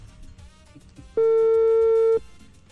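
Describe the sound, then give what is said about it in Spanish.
A single loud, steady telephone ringing tone lasts about a second, the kind heard while a call goes unanswered, over a faint, murmuring background with no talking. “Marcándole. Es que qué pereza que no conteste.”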